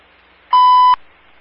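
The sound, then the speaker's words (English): A single loud, steady electronic alert tone from a radio dispatch system sounds for about half a second, then cuts off, leaving a faint background hiss. “1 to 10, clearing tones at 1530.”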